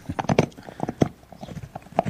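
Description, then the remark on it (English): Blue gnaws on an antler, sharpening his teeth, recorded on a phone very close to his mouth in a conservatory: a quick, uneven run of hard clicks and scraping crunches, fairly loud, with brief pauses between bites, bird song in the background and no voices. “That's Blue gnawing on an antler. Just recorded on my phone, actually. Very close to his mouth.”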